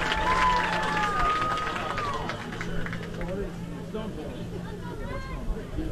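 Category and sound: crowd, stadium crowd murmuring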